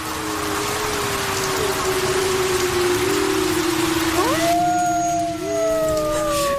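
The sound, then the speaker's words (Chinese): Heavy rain pours steadily and grows heavier, a dense hiss of drops, while children shelter in a small hillside cave; long, sliding droning tones rise and waver over it toward the end. “没想到雨越下越大，几个孩子跑到小山洞里避雨”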